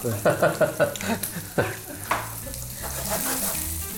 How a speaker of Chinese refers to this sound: 对，煎的差不多了，我们就调味，简单的盐巴、黑胡椒。